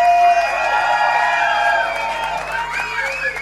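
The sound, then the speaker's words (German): A crowd applauds and cheers steadily for the event organizers, the surfing team, with dense clapping under scattered shouts and high whoops that rise and fall, the whole burst staying fairly loud throughout. “einen warmen Applaus gebührt auch an den gesamten Veranstalter vom Surfing-Team.”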